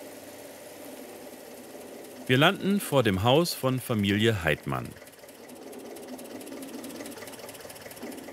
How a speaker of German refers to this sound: Kein Wunder, wenn man auf einem alten Landsbulldog über die Hauptstraße von Tram chauffiert wird.